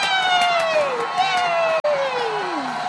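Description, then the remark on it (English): A crowd at a circus cheers steadily, clapping for a dancing clown, with long, loud shouts sliding downward in pitch twice, over faint scattered clapping and a brief cut-out near the end. “Ooh, let's clap.”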